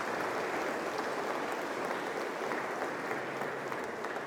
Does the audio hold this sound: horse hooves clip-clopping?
no